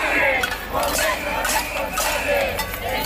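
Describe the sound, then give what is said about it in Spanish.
About a hundred protesters at a cacerolada in Santander, Cantabria, demanding decent housing, bang pots and hold up jingling keys: a continuous, dense, steady stream of bright metallic clinks, with voices shouting and chattering underneath throughout. “alrededor de un centenar de personas participaron ayer por la tarde en una cacerolada en Santander para exigir una política de vivienda digna. Con sus llaves en alto, se han avisado también que Cantabria no se vende, Cantabria se defiende.”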